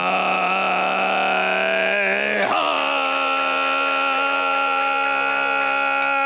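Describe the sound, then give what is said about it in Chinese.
A voice holds a steady, motor-like buzzing drone rich in ringing overtones, imitating Mongolian hoomei throat singing with the breath supported low and the back of the mouth drawn back, with a brief wobble in pitch partway through before settling back into the sustained tone. “丹田气缓好以后，后口腔往后靠，不能往前走，那个声音还是 哎 哎，然后再哎，对， 它有点像我们这个蒙古族里边那呼麦的，有一点点那个 哎，有一点点 那个马达音， 有点像啊。”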